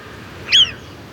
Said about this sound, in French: Là, elle sent que le danger est proche, car elle pousse son cri d'alarme. C'est un sifflement spécifique qu'on entend jusqu'à 1 kilomètre à la ronde.